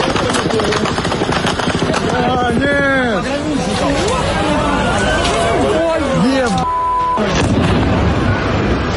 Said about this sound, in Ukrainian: Он які в Сочі фейерверки нині відбуваються. Тривоги, пожежі, мазут, вибухи та прильоти.